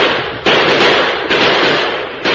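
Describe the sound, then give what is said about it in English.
Several loud six-gun shots fired into the air ring out at uneven intervals, about four sharp cracks, each trailing off into dense rushing noise, with no voices. “At the first crack of the six guns, the Apaches whirled in confusion.”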